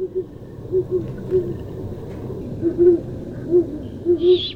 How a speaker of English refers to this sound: You recognize that hoot? I was so thrilled I could hardly fall back asleep, but there was a great horned owl hooting out the window last night, hunting in the dark.